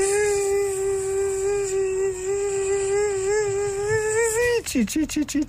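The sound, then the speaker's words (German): A voice imitates the whine of a Croatian mosquito with a long, steady, nasal buzzing hum held for over four seconds, slightly wavering in pitch, then breaking into a few short stuttering pulses. “Ja, das war eine kroatische Mücke.”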